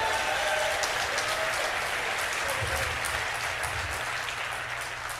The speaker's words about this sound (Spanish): Si le vas a dar un aplauso, dáselo fuerte.